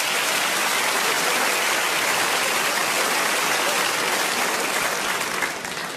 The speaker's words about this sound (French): Ouais, vous avez applaudi ça, ouais. Je m'y attendais pas.